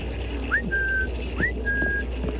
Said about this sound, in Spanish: Oye, mamá. ¿Cómo se llama el perro para poder llamarlo? Yo le digo perro y lo llamo con un chiflido para que venga a comer.